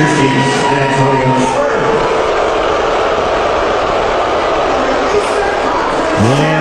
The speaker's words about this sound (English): More boos than I'm sure he would like.